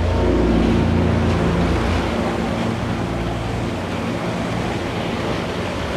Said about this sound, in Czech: Moře je pořád rozbouřený.